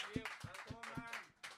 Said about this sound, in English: Give a big fucking shout out there. …, a big round of applause. Give it up.